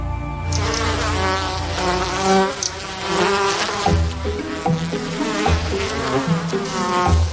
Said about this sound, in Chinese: 蜜蜂成群结队的蜂拥而至，不知道是从哪儿冒出来的，成百上千，突然的从地下嗡嗡的飞起来，是地花蜂。